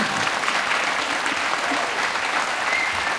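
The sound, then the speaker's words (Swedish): An evening audience at a Swedish Radio P2 concert show in Stockholm applauds steadily, a dense, even wash of many hands clapping at a constant level for the whole stretch, with no voices rising above it. “Kommande 2 timmar, en applåd.”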